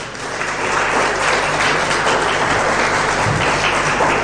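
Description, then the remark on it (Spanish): A large crowd claps loudly and steadily for several seconds, a dense, sustained wash of applause filling the space with no voices standing out. “Un aplauso fuerte.”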